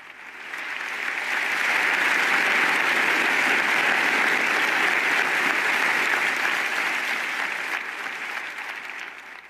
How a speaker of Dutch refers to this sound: Een applaus dus van de professoren en studenten van de La Sapienza Universiteit in Rome na deze mooie toespraak van de Heilige Vader.